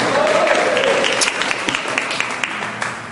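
An audience applauds steadily for about three seconds as they sit down during a religious service. It is a dense wash of many hands clapping, with sharper individual claps popping out toward the end.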